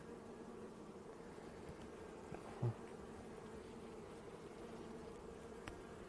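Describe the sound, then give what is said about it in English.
A steady, dense hum of many honeybees buzzing together around an open hive, continuous throughout, with one brief soft knock partway through and no voices. The hive's frames are being inspected and a queen cage is being taken out. “And we'll just make sure that there's no queen bee still inside the cage.”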